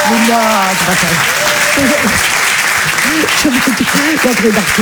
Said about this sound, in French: Allez, applaudissez-la, très fort, Mado la Niçoise.